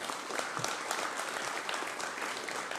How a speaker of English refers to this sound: A big round of applause, please, for our candidates.